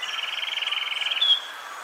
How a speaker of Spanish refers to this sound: El trino del cucarachero sepia forma parte del Banco de Sonidos de Aves Colombianas, recopilado por el Instituto von Humboldt y la Universidad de Cornell.